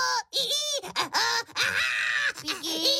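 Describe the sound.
A voice imitates screeching baking paper on a tray with a rapid string of loud squeals and shrieks, pitch sliding up and down across several short bursts with brief gaps between them.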